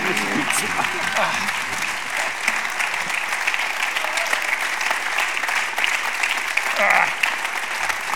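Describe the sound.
Sustained audience applause for Hans Bürger at a live event in Linz, a dense steady wash of many hands clapping at an even loudness throughout, with a few faint voices mixed in.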